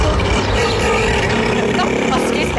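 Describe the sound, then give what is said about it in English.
A loud, steady rush of car engine and road noise fills the whole moment with no break, as a vehicle speeds by on a road in a small town near Hobart where Neil the seal is in the traffic, with faint voices mixed underneath. “Neil versus the traffic. Neil, what are you doing? Slow down, you.”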